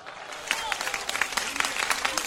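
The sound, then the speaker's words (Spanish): An audience applauds, dense overlapping claps forming a steady, bright patter with a few sharper individual claps standing out, moderately loud with faint murmuring voices beneath. “Un aplauso no vale si usted no glorifica.”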